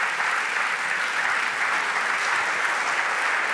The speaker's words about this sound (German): Und natürlich ein großer Applaus